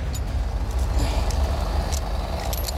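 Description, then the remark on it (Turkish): A heavy truck, anchored to a tree with rigging for a pulling job, has its engine roaring at full throttle: a loud, steady low rumble with a gritty mechanical edge and a few faint clinks and hisses on top, no voices. “Artık elimizde iki çapa, yani ağaçlar, bir sürü donanım ve iki kamyon var. Tam gaz ileri.”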